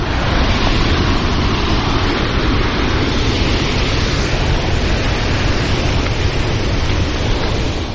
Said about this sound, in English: But looking up from my map, due north towards the small ridge, there seems to be a raging brown river between me and there. Flash flood.